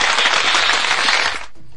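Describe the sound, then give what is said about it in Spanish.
A burst of dense, crackling applause for a birthday greeting fills the first second and a half at steady loudness, then cuts off abruptly into near silence. “¿Dónde están esos aplausos? ¡Besos, por favor! ¡A luces aplaudidores!”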